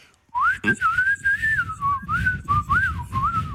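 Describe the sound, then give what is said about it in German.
A person whistles a wavering, birdlike melody into a mobile phone, with rising and falling chirps, clear over some low rumbling background noise, imitating birdsong for a few seconds. “Bitte hier einfach mal in mein Handy pfeifen.”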